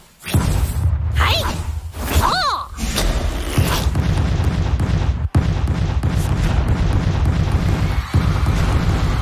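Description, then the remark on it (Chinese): Exploding white balls hidden among the balls floating on a playing field being cleared during a ball match, a loud, continuous barrage: a dense booming rumble with swooping whooshes early on and a sharp burst partway through, no voices. “就让我先把这些会爆炸的白球消除掉吧。”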